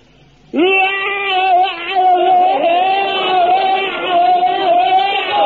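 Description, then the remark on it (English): A man lets out a single loud battle scream as part of bayonet drill, a sustained, steady-pitched yell that starts abruptly and holds for about five seconds without a break. “Now, the scream is the thing that really puts the wind up the enemy. Now, you fill your lungs up with the air and let it out like this.”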